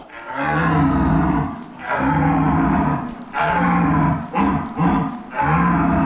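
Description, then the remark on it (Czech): A deer caller imitates an old red deer stag's roar: several deep, loud, guttural bellows in quick succession, raw, with short breaks between them and no talking. “A že to byl mladý jelen a teď to starého jelena.”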